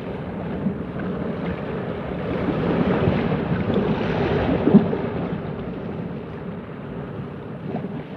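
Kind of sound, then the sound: nature, ocean waves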